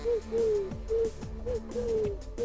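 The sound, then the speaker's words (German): A person imitates a pigeon's coo, a series of low, throaty, rolling notes repeated rhythmically, with no other talking. “Ich kann so eine Taube nachmachen.”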